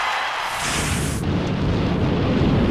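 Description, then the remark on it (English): A loud, rumbling thunder sound effect swells from a bright hiss into a deep, sustained roll that fills the low end, played alone with no voices as a short jingle on radio station Lightning 100, introducing its Lightning Flashes segment. “That sound means it's time for your lightning flashes.”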